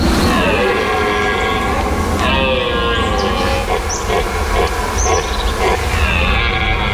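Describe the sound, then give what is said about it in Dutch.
Rutting male deer bellow their mating call to the females in long, drawn-out, moaning roars that rise and fall in pitch, several calls following one another loudly, with no one speaking. “Elk jaar zijn ze in deze periode van het jaar weer te horen. Burlende herten.”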